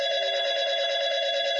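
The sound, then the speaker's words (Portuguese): A telephone rings with a steady, continuous electronic tone, loud, sounding alone without any voices. “Quando o telefone tocava,”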